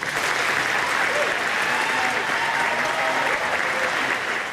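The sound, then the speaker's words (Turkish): Sustained applause from a large audience for British Prime Minister Keir Starmer as he announced his resignation, dense and steady clapping at a constant loud level for several seconds, with a faint murmur of voices underneath. “İstifasını açıklarken gözyaşlarını tutamadı, dakikalarca alkışlandı.”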